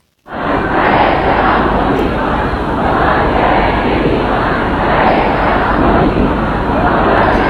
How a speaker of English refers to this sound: Well, we can hear their mourners who filled the city of Mashhad for the last several days of funeral proceedings. Crowds shouted slogans against any compromise with the US and denounced the American and Israeli leaders.